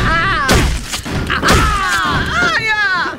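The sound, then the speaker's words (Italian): Several sharp, loud slaps land in quick succession, each a hard fleshy smack delivered with the victim's own severed hand, over a strained, wavering voice that cries and groans throughout. “Perché ti prendo a schiaffi con la tua stessa mano!”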